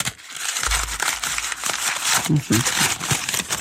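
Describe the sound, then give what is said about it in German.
A ball of paper is crumpled and worked open, giving a dense, continuous crackling and crinkling that lasts the whole stretch, with a brief voiced murmur partway through. “Voilà Judith, der erste Papierball.”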